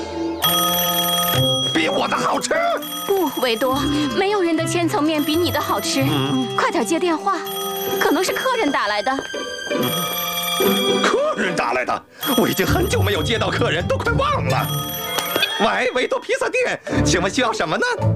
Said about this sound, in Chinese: 快点接电话，可能是客人打来的。